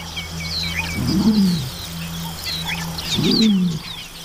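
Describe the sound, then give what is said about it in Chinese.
An eagle chick about nine weeks old gives two low, hoarse, drawn-out calls a couple of seconds apart, while a chorus of high bird chirps and twitters runs steadily in the background. “这是一只约九周大的鹿鹰雏鸟。”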